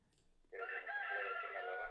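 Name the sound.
rooster crowing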